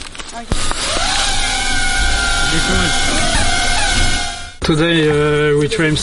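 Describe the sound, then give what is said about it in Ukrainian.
A steady, high-pitched motor whine hums for several seconds, its tone shifting slightly, then cuts out briefly before a lower, buzzing harmonic drone resumes, as soldiers in Ukraine launch a drone into the sky over the steppe to scout a road that may be mined. “Бійці запускають в небо дрон.”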